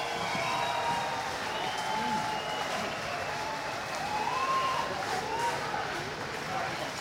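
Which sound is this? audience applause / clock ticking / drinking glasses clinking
audience applause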